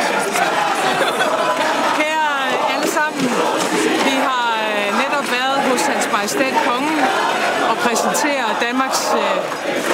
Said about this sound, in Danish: Der var store smil og masser af kram på Amalienborg Slotsplads for en god times tid siden, da den nye regering blev præsenteret med Mette Frederiksen i front og højlydt jubel fra Socialdemokratisk Ungdom i baggrunden.